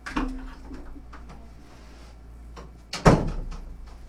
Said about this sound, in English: Hang on a second. I got to close the door. There's too much noise in the background. Give me just a second.